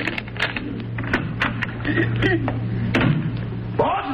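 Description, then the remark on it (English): A door key rattles and clicks in a lock, followed by the door being opened, a quick series of sharp clicks and knocks over a low, steady background hum. “Oh, here's the key to the door.”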